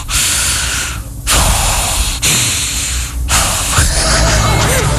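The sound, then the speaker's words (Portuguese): A voice imitates an angry wife's heavy breathing: three loud, forceful breaths, each a long rushing huff separated by brief pauses, with no talking. “Provavelmente ela está respirando assim, ó.”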